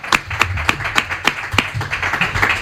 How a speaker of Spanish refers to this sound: Y nada, que os vais a llevar este aplauso ya para despedir.